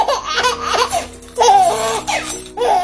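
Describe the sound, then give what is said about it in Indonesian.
A baby from Kalimantan laughs and babbles in a few bright, bubbly bursts, with short pauses between the giggly vocal runs. “Dengarlah suara bayi Papua, suara bayi Kalimantan,”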